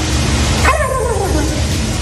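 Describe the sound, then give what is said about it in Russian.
A person who took third place in a turkey sound imitation contest in the United States imitates a turkey gobble: one short, warbling call that slides downward in pitch, heard over a steady, noisy background hiss. “Это человек, который занял третье место на конкурсе воспроизведения звуков индейки.”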